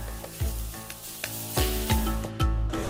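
Steady crackling sizzle of food frying in an iron pot heated over a wood fire (a 'di guo' pot dish), fairly loud, under a music bed with tonal notes and a few deep thudding beats.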